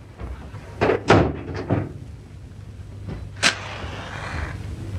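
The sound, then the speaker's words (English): A door swings shut with a short cluster of wooden knocks and rattles, then a single sharp latch click a couple of seconds later, over a low steady hum with no voices. “Close the door and come and sit down, will you?”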